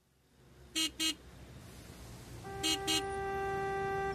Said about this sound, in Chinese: S 城到了堵车高峰，小白被后面的车喇叭唤回了神儿，好险，差点就追尾了。